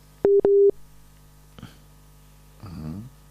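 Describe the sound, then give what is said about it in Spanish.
Two short, loud electronic beeps of a telephone busy tone in quick succession as a mobile phone call drops from poor signal, followed by a faint click and a brief burst of muffled voice near the end. “A ver, no, lo seguimos perdiendo. No sé si vamos a poder establecer con celular, no sé, no tiene buena señal.”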